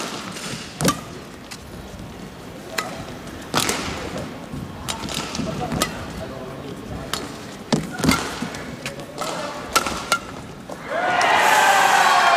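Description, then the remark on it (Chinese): Crisp badminton racket hits crack out at irregular intervals through a rally at a badminton match on court two, one a hard smash that goes a little high, over a low murmur, before a burst of crowd noise swells at the end. “这一拍球杀过去，球没走，还是偏高了一些。”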